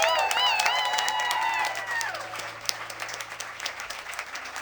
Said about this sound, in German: Riesen Applaus!